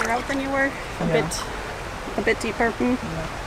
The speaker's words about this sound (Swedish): It's really quite it's quite fun to have your feet in the water.